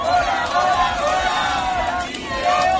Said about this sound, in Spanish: Gritos desde Bilbao, donde hablábamos con dos de los convocantes.